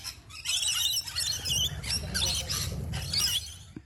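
A rainbow lorikeet gives a run of shrill, screechy squeals in rapid, loud bursts, with no voices over it.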